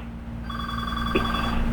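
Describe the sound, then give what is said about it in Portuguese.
A telephone rings for an incoming call, a steady electronic ringing tone that starts after a short pause and holds on continuously at a moderate level, with no talking. “Aí ele tá ligando agora, repara, olha, escuta, olha.”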